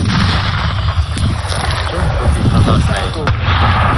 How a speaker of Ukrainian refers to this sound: Постріл!